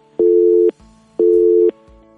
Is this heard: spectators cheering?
no